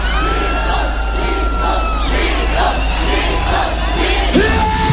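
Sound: crowd shouting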